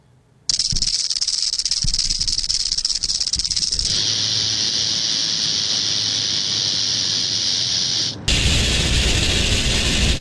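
A venomous snake's rattle buzzes loud, a continuous dry hiss-like whir that shifts in intensity partway through and then surges stronger near the end, with no voices.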